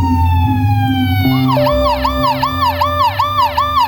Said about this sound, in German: Schon nach kurzer Zeit hört man die Sirenen der Polizei.